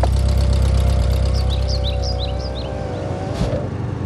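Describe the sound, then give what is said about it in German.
A car engine idles with a steady low rumble and faint hum as the car parks directly in front of the entrance of a manor house, while birds chirp softly in the background. Near the end, a brief clunk sounds. “Sie parkten direkt vor dem Eingang des Gutshauses.”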